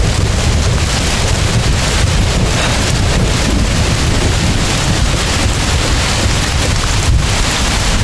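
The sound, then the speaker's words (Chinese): Sudden, steady, loud rain pours down with strong wind buffeting during a mountain climb, a dense, continuous roar with low rumbling gusts throughout and no voices. “怎么突然下雨了呢？”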